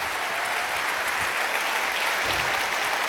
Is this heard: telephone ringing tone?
no